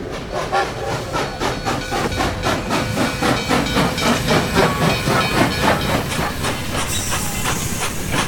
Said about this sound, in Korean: 만노구행 열차가 도착하자 떨어지지 않는 발길로 열차에 올라타는